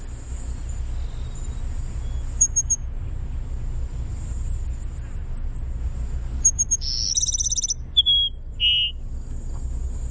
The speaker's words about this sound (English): The Cassin Sparrow. Let's listen. What? It's just a bizarre burry whistle.